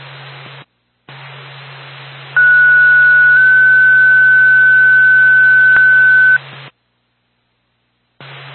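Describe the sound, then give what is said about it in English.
A steady electronic paging tone, NORPAC dispatch toning out Groveton Ambulance, holds for several seconds over hissing radio static, with a low hum underneath and brief gaps of silence where the transmission cuts out. The call is a medical alarm activation at 55 McMahon Road, Stratford, timed 9:39. “Time your tone, 939.”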